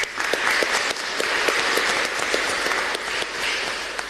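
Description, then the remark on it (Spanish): A church audience bursts into steady applause welcoming members of the Familia Misionera movement from Quindú, San Roque, Paraguarí and Asunción, many hands clapping at once in a dense, continuous crackle that holds at an even level for several seconds, with no voices heard over it. “Bienvenido también a ellos, un aplauso a mí para ellos.”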